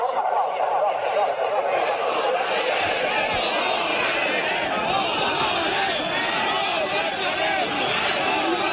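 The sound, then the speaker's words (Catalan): A large crowd of protesting farmers and livestock breeders shouts and chants together at a demonstration against the neglect of their sector, a dense, steady roar of many overlapping voices that holds loud and unbroken throughout, with individual cries rising out of the mass. “Els crits que sentiu són de les últimes manifestacions que pagesos i ramaders han protagonitzat arreu del país per protestar contra el menysteniment que, segons denuncien, continua arrossegant el sector”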